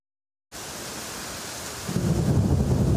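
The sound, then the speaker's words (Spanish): A heavy, record-breaking rainstorm in Catalonia begins after a brief silence as a dense, steady hiss, then a deep low rumble swells in and the roar grows louder, with no voices. “Unas lluvias. Este episodio pasa a la historia del registro.”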